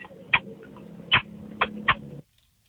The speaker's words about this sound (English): But here's my kiss sound, I guess.